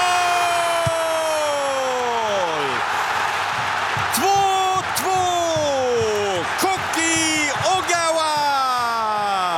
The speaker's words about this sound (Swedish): 2-2. Japan kvitterar igen. Och vilket jubel på den japanska delen av läktaren. Och det förstår man ju eftersom vi är inne i den 88:e matchminuten. Ja, så lät det när Japan räddade poäng mot Nederländerna i deras öppningsmatch.